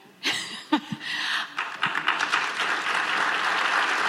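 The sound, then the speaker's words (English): Applause from delegates in Edmonton during Alberta Premier Danielle Smith's talk at a Pacific Northwest Economic summit, after talk of Alberta staying in Canada. A few scattered claps swell into a steady, dense round of clapping that carries on at full strength. “Talk of Alberta staying in Canada, getting a round of applause during Premier Danielle Smith's talk about what the province can offer North America.”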